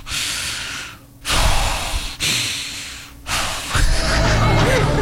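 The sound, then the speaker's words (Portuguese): A person imitates heavy, angry breathing through the nose, the way an angry wife is probably breathing: a few loud, forceful huffs in an uneven rhythm, with no words spoken. “Provavelmente ela está respirando assim, ó.”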